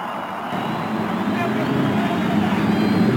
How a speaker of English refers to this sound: After the cheers of over 300,000 fans, the engines are started along the main stretch.